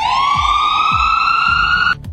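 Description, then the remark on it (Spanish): A loud ambulance siren wails steadily, its pitch slowly rising for about two seconds before cutting off abruptly, with low rumbling pulses underneath. “Una sirena de una patrulla, de una ambulancia. De una ambulancia, sí”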